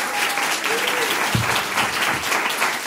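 A crowd claps steadily, a dense, even wash of applause lasting throughout with no pauses, plus a few faint voices and whoops mixed in.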